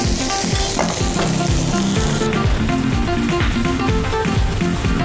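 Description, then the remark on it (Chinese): Steady crackling sizzle of fatty pork pan-frying in its own fat with no oil added, dense popping and spitting continuing throughout at a fairly loud level, with low rhythmic thumps underneath and no voices. “赞，直接煎哈，不用加油了。 它本身就有油。”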